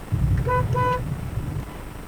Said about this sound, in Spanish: Estoy afuera. ¿Cree que toque bocina? Toco.